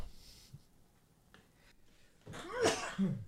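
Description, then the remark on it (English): A single sharp sneeze bursts out near the end after a quiet stretch, loud, with a breathy rush and a brief nasal tail. “Couldn't wait for the last second to sneeze.”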